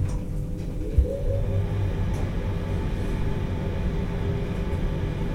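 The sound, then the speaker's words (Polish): A steady low whirring drone of an elevator's ventilation fan runs throughout, with a brief low thump near the start and no talking. “Wentylator.”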